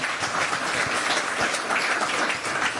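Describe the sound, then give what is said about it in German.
Steady, dense clapping from an audience fills the whole stretch, a loud continuous patter of many hands with no pauses and no voices standing out; applause for the initiators of a circus festival. “Bitte einen herzlichen Applaus für”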